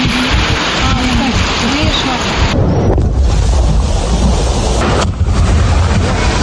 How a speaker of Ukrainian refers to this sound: Каховська ГЕС підірвана. На Херсонщину суне велика вода. І поступово заповнює вулиці. Проривається в домівки.